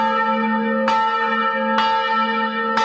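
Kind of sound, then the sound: signal or alarm, church bell ringing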